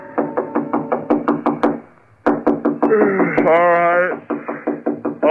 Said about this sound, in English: It was almost 3 a.m. when Andy knocked on my apartment door.